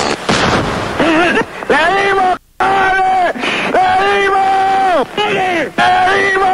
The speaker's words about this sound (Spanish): Autorizado, destruir 08. Primer disparo.